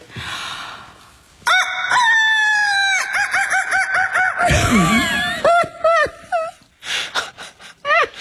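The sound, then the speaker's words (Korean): A woman's voice imitates a rooster crowing as a wake-up alarm sound, in one long, loud, strained cock-a-doodle-doo with cracking pitch shifts and a breathy gasp midway, followed by shorter squawking bursts and trailing hoots. “그 짧은 닭소리 안에 인생이 주마등처럼 스쳐 지나가네요.”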